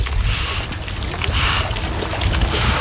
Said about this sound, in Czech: Pustíme tady vodu. No, vezmu kartáče a čistíme.